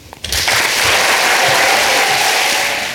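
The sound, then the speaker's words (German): Thunderous applause from an audience after a spoken text is performed swells in after a brief pause and holds as a dense, steady roar of clapping, loud and sustained with no voices over it. “Ihr hört es, es gab tosenden Applaus für diesen Text.”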